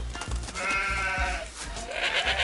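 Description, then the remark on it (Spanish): A flock of sheep and goats bleats together in a continuous, wavering chorus, several overlapping cries with a shrill, quavering call rising near the end. No one speaks. “Somos un rebaño de ovejas y cabras.”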